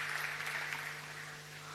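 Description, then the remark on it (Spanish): A short burst of audience applause for the President, a steady crackle of many hands clapping together at moderate loudness, with no voices over it and a faint low hum underneath. “Acá lo aplauden, por si no escucha.”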